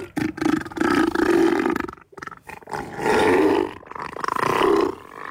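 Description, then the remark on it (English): A giant seal, Neil the Seal, on the Australian island of Tasmania bellows in deep, rough roars and burping grunts, two long loud calls broken by a brief pause, with no talking over them. “We begin on the Australian island of Tasmania, where a giant seal is bringing laughter and joy to millions of people.”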